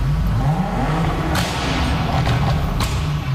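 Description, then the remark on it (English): Dense, steady traffic rumbles at a busy intersection in Cologne, Germany, with several vehicles whooshing past in quick succession, both in front and behind, and a few sharp thumps cutting through the continuous engine noise. “Again, walking with my friend, and we were about to cross a road, and it was a busy intersection, but the cars weren't just passing in front of me, they were also passing behind me.”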